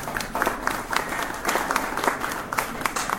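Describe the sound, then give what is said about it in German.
An audience at an exhibition event applauds steadily to welcome the first musician, many hands clapping in a dense, continuous patter with scattered sharper claps standing out, moderately loud for a few seconds. “Einen Applaus.”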